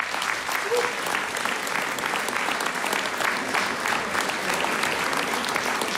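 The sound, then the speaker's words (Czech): Steady, dense applause from an audience at the start of a show, welcoming the performer and band, a continuous crackle of many hands clapping at an even loudness for several seconds with no voices standing out. “Kdyby mohl být o krapánek delší, třeba o 4 minuty delší ten potlesk, jo.”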